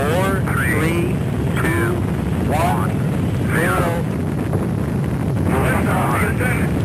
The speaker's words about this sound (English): Also in 1981, the world witnessed the first launch of the Space Shuttle Columbia. We hear our main engine start.